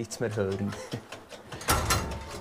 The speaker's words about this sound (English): only has a little space between all the machines that rattle, purr and groan here. The melody of old machinery.